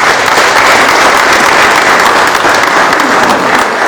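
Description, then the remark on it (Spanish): Loud, sustained applause from a crowd at a Catholic community gathering, welcoming the patron saint San Miguelito as he sets out on his pilgrimage procession. A dense steady roar of many hands clapping fills the whole stretch, with no pauses or voices standing out. “Pues, brindémosle fuertes aplausos a San Miguelito.”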